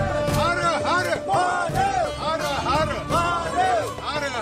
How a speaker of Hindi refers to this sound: पहाड़ियों के बीच गूंजते भोलेनाथ के जयकारे, हाथों में पवित्र छड़ी, चारों तरफ वैदिक मंत्रों की गूंज और मंजिल अब बिल्कुल करीब।